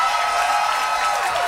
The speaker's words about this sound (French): vous pouvez applaudir Léonore et Zach